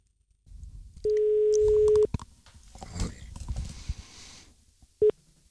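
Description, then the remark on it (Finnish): A telephone ringback tone on an outgoing call placed from a radio studio in Pasila: a steady one-second hum, a pause of several seconds with faint background rumble and clatter, then the next ring starts and is cut short. “Me voitaisiin nyt soittaa sinne Peltolalle, koska tämä on Yleisradio, täällä on suora linja.”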